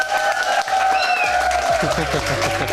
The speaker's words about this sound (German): Und ich würde sagen, damit ist das auch ein sehr verdienter Titel. Held der Zuckertüte 2026, einen Applaus